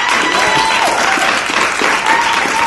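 A slow-clap soundtrack that has grown bigger into loud, dense applause from a crowd, steady and sustained throughout with no clear gaps between claps and no voices standing out.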